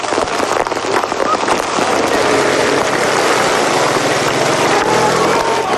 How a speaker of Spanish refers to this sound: El sonido del granizo impacta.